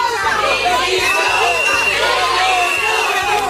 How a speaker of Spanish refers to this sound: Esos abucheos, no de cuatro exaltados que pasaban por ahí, sino también de sanitarios que llevan más de 2 semanas dejándose el pellejo en el hospital de Ceuta, son la prueba de que la cosa sigue sin estar bien.